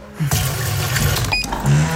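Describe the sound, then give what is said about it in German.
A coffee machine runs while someone tries to make coffee; its water tank is empty, the coffee beans need refilling and the drip tray is full. Steady low motorised hum and hissing, grinding noise, broken by one short high beep partway through; no one speaks. “Oh, ich will doch nur einen Kaffee.”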